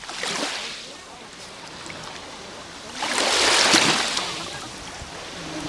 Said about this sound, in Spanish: Acercamos el micrófono a la orilla del mar, así suena hoy la playa de Salobreña.